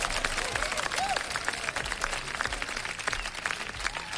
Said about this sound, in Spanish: Que, por favor, unos aplausos, unos aplausos.